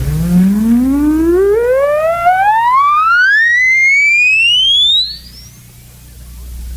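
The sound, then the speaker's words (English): An oscillator test tone, played as a hearing test to find where listeners can no longer hear, sweeps steadily upward in pitch from a low hum to a thin high whine, holding an even loudness for about five seconds before cutting off into quiet. “I'll play an oscillator for you. You write down a mental note of where you can't hear anymore.”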